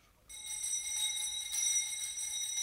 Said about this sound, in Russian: Ну вот, слышите? Даже этот жалкий звон вещает вам перемену.